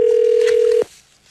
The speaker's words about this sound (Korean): 전화 드려보겠습니다. 받으셔야 되는데.